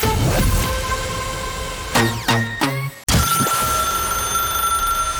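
A telephone rings loudly and steadily with a bright, metallic bell tone, broken midway by a few quick, stuttering rings before the continuous ringing resumes. No one speaks.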